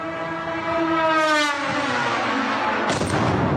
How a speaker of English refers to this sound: It was a Russian Garand 2, a long-range delta-winged drone carrying a 50-kilo warhead.